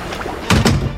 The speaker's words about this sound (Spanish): Entra en su cabina de mando y cierra la puerta.